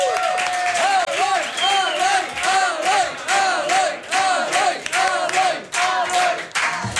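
A large audience applauds Eloi Vila of TV3 steadily while many voices cheer and whoop over the clapping, loud and sustained throughout, with no break in the noise.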